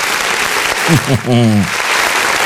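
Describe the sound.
A steady round of applause for a birthday shout-out fills the whole stretch, dense, with a single voice briefly whooping or calling out midway through the clapping.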